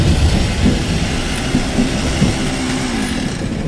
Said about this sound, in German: ich habe zufällig gerade eine kleine Flex dabei, damit können wir das Schloss aufsägen